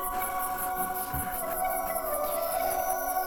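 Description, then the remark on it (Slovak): An eerie, otherworldly song of a firebird sitting in the crown of a tree, its feathers gleaming like fire: sustained, layered tones that waver and slide, with a thin whistle rising near the end over a steady shimmering pulse. No one speaks. “Čo je to za zvláštny spev?”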